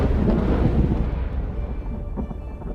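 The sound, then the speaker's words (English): Deep, continuous thunder rumbles through a storm, loud and steady at first, then gradually easing off with a faint hiss of rain or wind beneath it. No voices. “Storms.”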